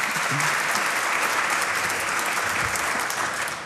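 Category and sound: crowd, audience applause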